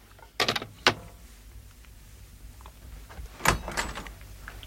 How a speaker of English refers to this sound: I'd no sooner picked up the phone when there was a knock at the door.